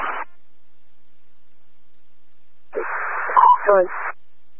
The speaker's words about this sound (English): I can't copy anything you're saying. Your radio's all static.